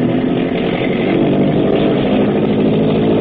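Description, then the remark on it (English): A powerful motorboat engine opens up to full throttle at nightfall on deep water, a steady loud mechanical drone with a gritty, buzzing rumble that holds constant throughout, with no voices. “Hackett is opening up. Open her up, Grab.”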